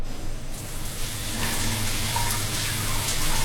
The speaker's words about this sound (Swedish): Men om du slår på en varm, skön dusch, då händer följande.